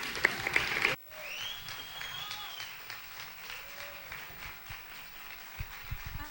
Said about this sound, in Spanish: un aplauso fuerte.